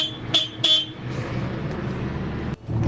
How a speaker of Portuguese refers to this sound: A buzina aqui é fraca, mas a máquina é grande. Olha lá, aí ó, a buzina é fraca, mas a máquina é grande.